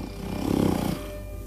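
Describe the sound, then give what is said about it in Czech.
Heavy, loud breathing of an old man asleep in a rocking chair: one rough, rumbling snore-like breath swells and then eases off into a softer exhale, with no talking. “Nedaleko něho v houpací židli hlasitě oddychoval jakýsi stařík.”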